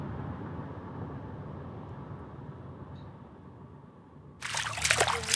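Water trickles steadily in a low, continuous wash, then a sudden bright, loud splashing bursts in near the end and keeps churning. No voices.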